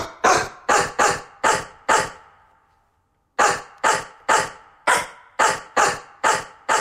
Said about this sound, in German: Horst also als Radiostar und jetzt sind Sie dran. Welchen Hit bellt denn Bulldogge Horst für uns? Haben Sie schon eine Idee? Wenn nicht, ich spiel's nochmal.